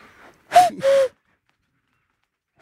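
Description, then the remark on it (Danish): A person imitates a cuckoo by blowing into cupped hands: two breathy, hooting notes, the second slightly lower and longer, followed by silence and the start of another call. “Fordi hvis man bare laver den der med at folde hænderne og så kukke som en gø, så kommer hænderne hen på et tidspunkt for at se, hvad helvede er du for en idiot?”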